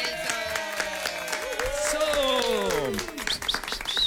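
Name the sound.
applause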